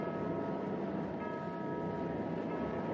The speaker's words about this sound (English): There's that alarm gong again. What's that mean?